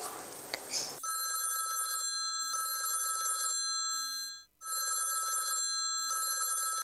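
After a short rustle, a phone's outgoing ringing tone plays steadily and fairly loud, pulsing in regular beats with one brief dropout before it resumes, as a caller phones a friend; no one speaks.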